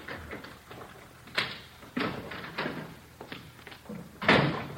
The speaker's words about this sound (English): Somebody's coming around back, Joe. Yeah. Kitchen door.